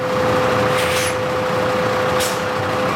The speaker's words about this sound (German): Das Stichwort Methan führt uns nach Wien-Simmering, zur Biogasanlage der Stadt Wien. Eben fährt ein Müll-Lkw auf die Waage, denn hier wird alles, das hinein und hinausgeht, genau erfasst.